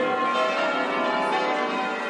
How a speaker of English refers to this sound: No, it's a splendid sound. And the maintenance on the bells means we should be hearing it from St Mary's for quite some time to come.